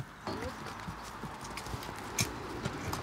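horses walking

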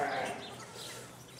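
sheep bleating

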